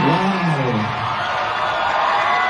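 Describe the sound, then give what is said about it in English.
At Marvel's Comic-Con panel, a large crowd roars with sustained screaming and cheering as Ryan Gosling is announced as Johnny Blaze, a.k.a. Ghost Rider. The sound is loud and fills the whole stretch as a dense wash of voices, with a brief shout rising at the very start. “He addressed the screaming crowd about the new role.”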